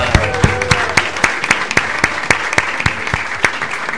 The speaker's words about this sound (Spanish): ¿Cómo la están pasando? ¡Bienísimo! Un aplauso por la vida.